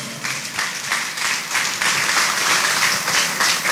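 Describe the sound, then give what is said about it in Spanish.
Sustained applause from a church audience, given as encouragement for their deacon who is to be ordained a priest, a steady wash of many hands clapping at once, fairly loud and even throughout with no voices standing out. “Démosle un aplauso de motivación.”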